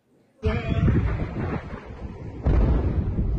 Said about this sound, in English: An intense wave of U.S. strikes hitting a wide range of targets across Iran. East of the country, multiple explosions in Chabahar.